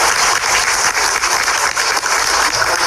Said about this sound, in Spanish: Fuerte los aplausos.